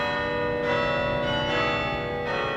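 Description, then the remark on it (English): Campus bells at Yale in New Haven, Connecticut, ring out at lunchtime in a steady peal, a new strike roughly every second layered over the long, shimmering hum of the previous tones, with no voices. “At Yale's campus in New Haven, Connecticut, the bells rang every lunchtime.”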